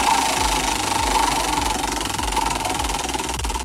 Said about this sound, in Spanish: Y pues bueno, vamos a ir de una vez con la siguiente pregunta. Giramos la ruleta.